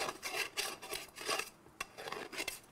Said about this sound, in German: Mit dem Schaber hier machen wir die Schnittreste vom Sägen weg, damit, wenn wir dann in die Sägenmaschine gehen, uns die nicht im Weg sind und für Ungenauigkeiten sorgen.